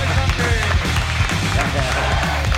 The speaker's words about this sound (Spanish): Que no s'agraeix que la gent aplaudeixi a les 11:33 de la nit?